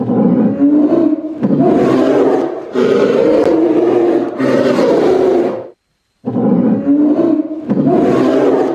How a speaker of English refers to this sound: Tiger.